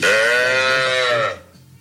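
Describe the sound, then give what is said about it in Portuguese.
A single loud, drawn-out moo from an ox, steady for over a second before cutting off, with no one speaking. “O boi!”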